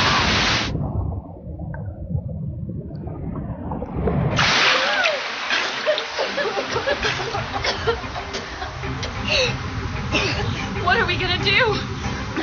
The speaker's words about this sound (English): Now that we're in deeper water, the waves are sucking us down with them. Here comes another wave. Hold your breath.